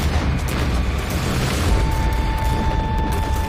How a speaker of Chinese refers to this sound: 哪里想到我还没走到镇子，枪声四起。